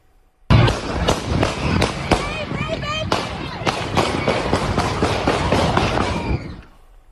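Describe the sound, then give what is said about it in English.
A rapid string of sharp, loud gunshots cracks out at irregular intervals, about a dozen in all, as suspects open fire near a neighborhood festival in Toledo, Ohio, over a noisy crowd with shouting voices throughout. “My goodness, you can hear the gunshots there.”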